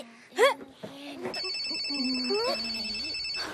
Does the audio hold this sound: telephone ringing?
yes